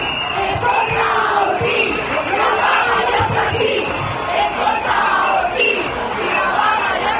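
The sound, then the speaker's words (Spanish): A large crowd of striking teachers protesting in the street in the province of Castellón shouts rhythmic protest chants at the regional education councillor in unison, loud and continuous, with many voices blending into a dense roar that pulses with the cadence of the chant. “Con estos gritos hacia la consellera de Educación, el sindicato mayoritario dice que la huelga de profesores la han secundado un 75% de los profesionales, mientras desde la consellería alegan que el seguimiento ha sido de un 32%.”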